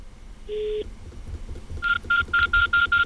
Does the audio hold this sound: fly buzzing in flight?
no